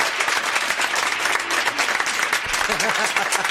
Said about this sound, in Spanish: Esa se merece un aplauso, viejo. También.